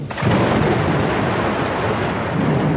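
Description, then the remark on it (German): A deep, continuous roll of thunder fills the whole stretch, loud, starting with a sharp onset and sustaining a broad, heavy rumble with a faint hiss like rain beneath it. “Wenn die Luft aufsteigt, kühlt sie sich ab und es kann dann zur Kondensation kommen, beziehungsweise zur Wolkenbildung und dann auch zur Niederschlagsbildung und Gewittern.”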